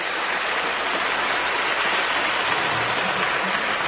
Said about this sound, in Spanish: Un aplauso, por favor.